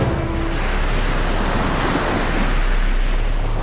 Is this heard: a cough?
no